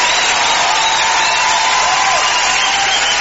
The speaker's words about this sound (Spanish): aplauso para ….